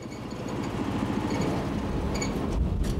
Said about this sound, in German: Wie sieht es aber aus, wenn der Körper nicht senkrecht nach oben transportiert wird, sondern diesmal schräg nach oben gebracht wird? Lassen wir jetzt also vom gleichen Motor einen Schrägaufzug antreiben.